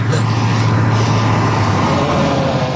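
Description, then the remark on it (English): A truck engine runs with a steady, deep rumble and droning hum, holding an even, fairly loud level throughout the few seconds. “Truck.”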